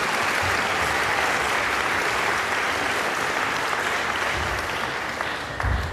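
A large audience claps steadily and loudly for several seconds, a dense continuous wash of hand claps that thins slightly toward the end.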